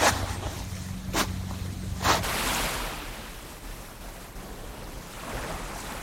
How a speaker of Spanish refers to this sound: A estas horas, Boramar se descubre caminando. Unos pasos por el paseo, el olor del mar, una bicicleta que pasa y al fondo, detrás de las villas, el Mediterráneo. La arena todavía está fresca, el agua llega tranquila.